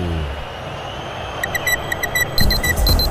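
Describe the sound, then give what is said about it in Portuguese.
A digital alarm clock sound effect, used as the Band News FM radio time check during the Corinthians–Santos football broadcast at 40 minutes of the second half, beeps in a quick run of short, bright pulses over a low background rumble, then a louder, denser burst of ringing closes it out. “Vem, relógio Brano.”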